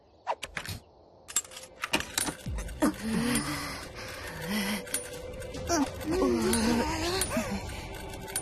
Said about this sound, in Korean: 열쇠를 이렇게 돌리면 됐어.